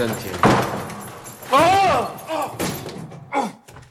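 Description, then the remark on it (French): Several sharp knocks and rattles of a locked broom cupboard door being tried and shaken, with keys jangling, spaced out over a few seconds, while vocal sounds rise over the rattling. “Ça, c'est une porte de placard. Tiens, il est fermé à clé.”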